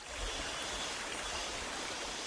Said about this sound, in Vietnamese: Tiếng róc rách của dòng suối nhỏ chảy ngang bàn, xen lẫn tiếng cọ rửa bồn ngâm bằng gỗ vang lên lạch cạch đều đặn. Đó là những âm thanh quen thuộc bắt đầu một ngày mới tại hợp tác xã cộng đồng Dao Đỏ ở Tà Phìn, Lào Cai.